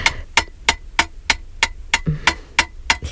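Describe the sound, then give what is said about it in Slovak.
A hammer beats out a scythe blade with about ten sharp, evenly spaced metallic strikes, each leaving a bright, brief ring, steady as a ticking clock. No one speaks. “Váš hlas a to kladivo, ako by odmeriavali čas.”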